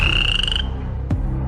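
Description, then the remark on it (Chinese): A toad gives a steady, high-pitched trilling call at night in the wild for about half a second, then stops. A single soft knock follows in the background hum. No one speaks. “在野外，不仅有蟾蜍，”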